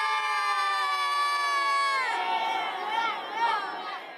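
High-pitched voices of a children's football team, called the world champions (Katar), cheer and shout together before the final, after the teams walk in. A sustained loud chorus of sung-out yelling breaks into a livelier jumble of excited cries partway through.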